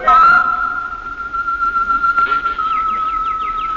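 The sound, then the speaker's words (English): Birds sing in an aviary: a long, steady, high whistling note runs throughout, joined in the second half by a quick series of bright, repeated chirps. “I went into the aviary as she suggested, and I listened to the birds.”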